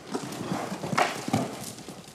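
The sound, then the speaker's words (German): A horse led on a rope walks with steady, unhurried hoofbeats, a regular clip-clop of several big strides, moderately loud, with no voices over it. “Große Schritte, nach vorne gehen, große Schritte, dreh dich, nicht so viel Seil, nur große Schritte machen, nur große Schritte, jawohl.”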